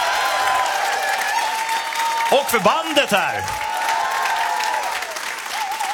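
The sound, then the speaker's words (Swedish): Sustained audience applause, a dense, even wash of many hands clapping that fills the whole stretch, with a man speaking briefly over it partway through. “Applåder”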